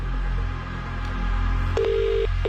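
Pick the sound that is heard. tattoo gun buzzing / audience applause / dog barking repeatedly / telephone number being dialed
telephone number being dialed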